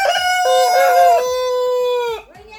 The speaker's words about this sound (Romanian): Cine face așa? Niște găini, multe, multe, care sunt harnice acolo, cred că au făcut și ou.